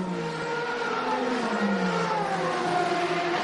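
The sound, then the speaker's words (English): Loud, continuous roar of racing car engines at high revs on a race track, with layered droning tones that slide slightly lower in pitch as the cars speed past during a race. There is no talking. “What we are seeing here is good, clean, fast racing.”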